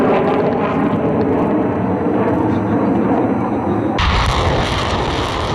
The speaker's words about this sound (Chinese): 随着陆空实兵联合演练正式展开，空地火力率先对敌实施远程打击，无人机蜂群也迅速升空，对敌前沿目标展开多批次空中抵近侦察